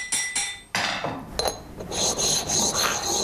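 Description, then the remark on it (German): Steady abrasive rubbing and rasping of the sides of a forged blade being polished, with a few sharp knocks mixed in, continuous with no voices. “Jetzt ist er fertig mit diesen polierten Seiten.”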